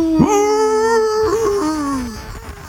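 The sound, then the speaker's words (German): A wolf howls in two long, mournful calls, the first rising and holding steady, the second wavering before sliding downward. It is loud, with no other sounds. “Na, der Wolf von Rewe Wolf.”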